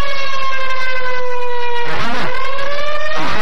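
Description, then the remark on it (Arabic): A loud, sustained air raid warning siren in Khamis Mushait wails with steady rising and falling tones, warning of danger, one overlapping layer joining partway through, and no voices present. “عاجل عاجل عاجل، إعلام تابع للعدو السعودي، إعلام العدو السعودي، الآن وليس غدا، يطلق إنذار في خميس مشيط للتحذير من خطر.”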